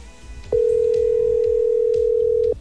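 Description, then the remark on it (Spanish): A steady, unbroken ringing tone on an outgoing call from radio station Bésame 90.7 to a listener who does not answer, one loud mid-pitched beep held for about two seconds, with faint background music underneath. “Vamos a mirar si por aquí lo logro. Vamos a ver, vamos a ver. A ver qué timbre esto. Timbre, timbra.”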